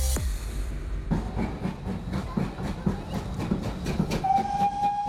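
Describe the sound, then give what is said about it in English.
A steam locomotive chuffs along in a steady, rhythmic beat over a low rumble, then its whistle sounds a long, sustained tone near the end. No one speaks. “Let's go back to the era of steam when rail was the only way to travel.”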